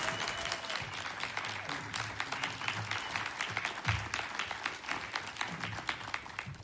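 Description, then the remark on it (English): A crowd applauds the show's special musical guest, many hands clapping in a dense, continuous patter that holds at an even level throughout without any voices rising above it. “A hearty round of applause to our special musical guest,”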